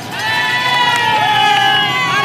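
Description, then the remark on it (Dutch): A loud, dense roadside crowd at a cycling race cheering and shouting continuously, heard from the race motorbike just past bend 20 of the climb, with overlapping voices and high-pitched yells layered together in a steady roar that barely lets up. “Luister eens naar al die mensen.”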